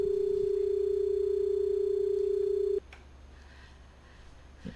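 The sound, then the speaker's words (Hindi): A steady, loud single-pitch phone line tone from a disconnected call drones for nearly three seconds, then cuts off abruptly, leaving quiet background hiss with a faint click or two. “Hello, शायद phone disconnect हो गया है।”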